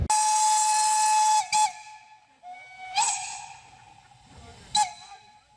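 Steam locomotive 1K No. 54, together with 99 542, a 4K engine, lets out a long, loud whistle, then several shorter blasts, while steam hisses and bursts between them as it departs, at Pentecost 2026 in Bresnitz / Schwarzwassertal. No one speaks.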